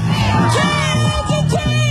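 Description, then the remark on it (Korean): A large crowd of citizens at an impeachment rally in a public square in South Korea in winter chants slogans in unison to a steady beat, many voices rising and falling together in short rhythmic bursts, loud and continuous with no pauses. “박자에 맞춰 구호를 외치기도 했습니다.”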